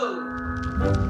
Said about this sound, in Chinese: 锣声响起，这是开窑的仪式感。